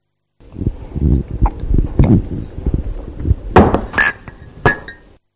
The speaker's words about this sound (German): Das fand ich gar nicht so einfach. Es wurde aus einer Tasse getrunken und diese stellte man dann auf den Tisch.